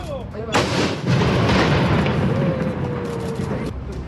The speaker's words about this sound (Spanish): Pasemos justamente a escuchar el momento de este cañonazo.